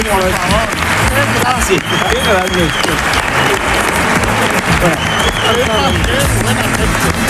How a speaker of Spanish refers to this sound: Un aplauso para esta chica.